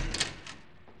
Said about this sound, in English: I was nearly over him when I heard the door open.